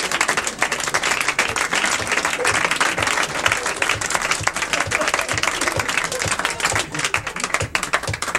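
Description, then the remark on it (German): Sustained applause from an audience, a dense wash of many hands clapping at a steady, loud level throughout, with no break or fade. “Jetzt klatscht er.”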